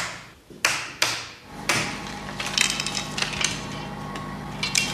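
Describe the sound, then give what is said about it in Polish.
A few sharp mechanical clunks as a film editing table is switched on, then a steady whirring run of motors and spooling film tapes with a faint flutter and rattle, fairly loud, no voices. “Uruchomimy ten stół.”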